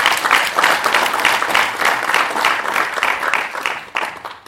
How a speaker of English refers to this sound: Can we all clap for IDS having 60 years?